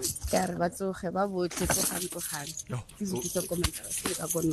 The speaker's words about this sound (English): so I'm trying to count how many keys you have there. By the sound of it, you don't have anything less than 10 keys. Those are a lot of keys. It sounds like it's a lot of keys.